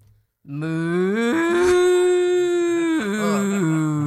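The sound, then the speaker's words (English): A person voices a long, loud cow moo, a sustained low tone that steps up in pitch partway through and drops back near the end, heard alone without other talk. “That was an excellent cow.”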